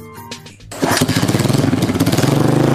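After a short tonal lead-in, a motorcycle engine roars to life and revs loudly, its low, rapidly throbbing rumble holding steady until the end.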